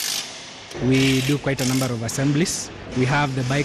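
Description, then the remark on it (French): Busy assembly-line clatter at the main motorcycle factory in Nairobi: sharp mechanical clicks and ratcheting tool sounds over a steady hum, with a droning tonal whine rising and falling and people talking in the background. “Il est allé visiter la principale usine de fabrication de motos à Nairobi.”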